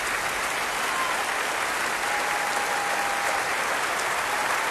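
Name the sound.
concert audience applause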